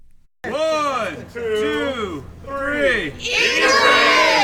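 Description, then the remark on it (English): A crowd of voices chants outside the Washington County Democratic Party headquarters in Oregon in four loud, rhythmic bursts with short pauses between them, the shouted phrases rising and falling together in unison. “The crowd outside the Washington County Democratic Party headquarters doesn't actually plan to eat the rich.”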